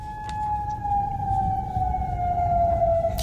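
A sustained air raid siren wails in Bahrain during the night, on one steady, slowly falling tone with faint overtones, held continuously over a low rumbling background with no voices.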